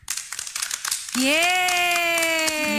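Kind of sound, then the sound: crowd, children clapping hands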